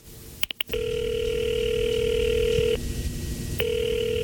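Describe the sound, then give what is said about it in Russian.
A direct-line telephone to Staraya Square: the receiver is lifted and a few quick clicks sound as a number is dialed, then a steady ringing tone holds for about two seconds, pauses, and starts again. It is clear, with no voices. “Потом решительно прошагал к своему письменному столу, сел в кресло, поднял трубку телефона прямой связи на Старой площади, набрал номер.”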